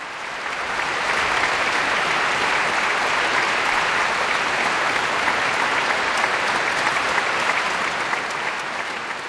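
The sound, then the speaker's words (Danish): Sustained applause from a large concert audience for pianist Eric Lou, winner of the International Chopin Piano Competition, as he goes into the interval, a dense, even wash of many hands clapping at steady loudness for several seconds without pause or voices. “Ja, der er selvfølgelig et stort bifald til Eric Lou, som jo altså holder en pause nu.”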